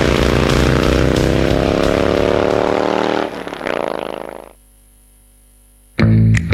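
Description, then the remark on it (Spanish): A motorcycle alarm blares loudly, a harsh buzzing wail that shifts pitch, cuts off after about four seconds, then bursts back briefly after a pause. “Alarma de moto.”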